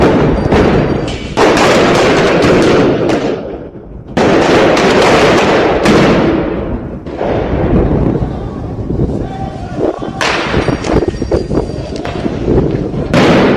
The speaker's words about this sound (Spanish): Los disturbios comenzaron cerca a las 14 horas en inmediaciones de la vicepresidencia del Estado, donde los movilizados se enfrentaron con la policía en medio de detonaciones de petardos y dinamitas.